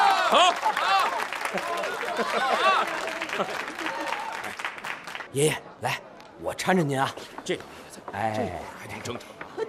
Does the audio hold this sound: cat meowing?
no